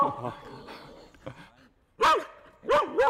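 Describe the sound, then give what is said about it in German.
Three loud, sharp barks from Nala, a herding dog, one near the middle and two in quick succession at the end, each with a rising-falling tonal yelp, after a stretch of quieter murmuring talk. “Ist halt ein Hütehund, die haben das einfach natürlich so eigentlich gelernt, das genau so zu machen.”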